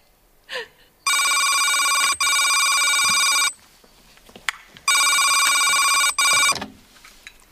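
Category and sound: signal or alarm, telephone ringing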